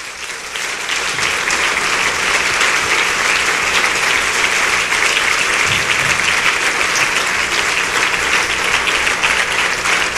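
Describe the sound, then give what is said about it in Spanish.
Loud, sustained applause from a standing audience applauding the Lord, a dense wash of clapping that swells within the first second and holds steady for about ten seconds without a break. “El aplauso más fuerte que pueda.”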